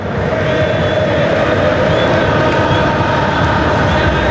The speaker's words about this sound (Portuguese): É o som da Copa, é o som da torcida da Argentina.